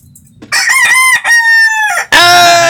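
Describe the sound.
An old rooster named Galo Dijas crows loudly, a full cock-a-doodle-doo broken into strained, drawn-out phrases with a brief pause, ending in a harsh final burst. No talking.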